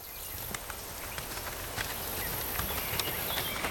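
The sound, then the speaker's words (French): Horses' hooves clop along at an unhurried walk, the uneven beats of more than one animal overlapping, while a steady, thin insect drone hums in the background. “Descendu de cheval, il allait le long des noisetiers et des églantiers, suivi des deux chevaux que le valet d'écurie tenait par les rênes.”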